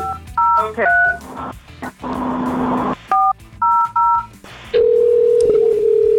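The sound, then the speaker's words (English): A quick series of touch-tone beeps as a phone number is dialed, clear, broken by a burst of noise, then a steady dial tone that holds to the end. “Let's get Sixto on the phone.”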